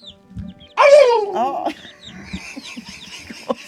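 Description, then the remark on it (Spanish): A turkey gives one loud gobble, a quick rattling warble lasting under a second, followed by softer scattered clucks and bird calls in the background. “Es un pavo impecable que traje ahora.”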